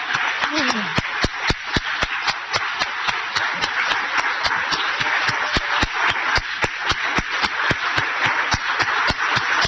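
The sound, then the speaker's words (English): A sustained round of applause from a standing crowd of carers and family members at a Royal Rehab event, dense and fairly loud, with one clear steady rhythm of claps standing out throughout and a brief voice near the start. “Now, I would like to invite all carers, family members, excluding the Royal Rehab staff, to please stand for a round of applause.”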